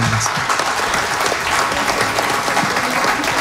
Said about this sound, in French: Je pense qu'on peut l'applaudir encore une fois. Merci beaucoup.